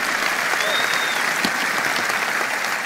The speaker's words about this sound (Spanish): Vamos, dale un aplauso al Señor por esa. Vamos, si le vas a dar un aplauso, dáselo fuerte.